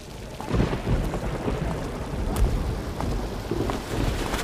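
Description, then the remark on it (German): Steady heavy rain pours down with low rumbles of thunder rolling underneath, a dense continuous wash of noise with occasional louder swells and no voices. “Mein Chef lässt mich Überstunden kloppen und ich muss durch den Regen laufen, nur weil der scheiß Bus heute nicht mehr fährt.”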